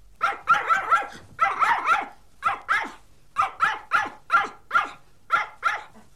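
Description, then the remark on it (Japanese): A dog barks repeatedly in quick bursts, about a dozen sharp barks grouped in irregular clusters, loud with no other sounds around. “あたり、犬さんね。”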